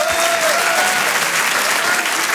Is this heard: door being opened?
no